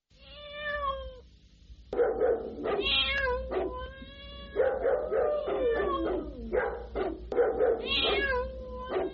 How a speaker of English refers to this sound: A big meow to that.